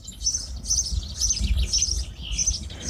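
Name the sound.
small birds chirping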